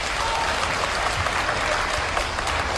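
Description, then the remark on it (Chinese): An audience applauds steadily after performers on stage ask them to clap as witnesses, dense clapping filling the whole moment at an even, fairly loud level with no voices standing out. “各位别客气，您都是见证人，还鼓鼓掌”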